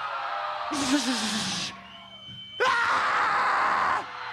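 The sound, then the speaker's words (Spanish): A large concert crowd in Aguascalientes screams and yells in two loud, sustained bursts when asked to shout again, each lasting about a second, with a lone voice hollering over the first roar and a brief lull between them. “¡Un pinche grito otra vez!”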